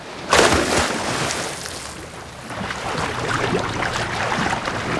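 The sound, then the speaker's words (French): A sudden loud splash as a person jumps from a boat into the open sea, followed by a steady rush of churning water and surf noise that continues throughout, with no voices. “Allez hop, à l'eau.”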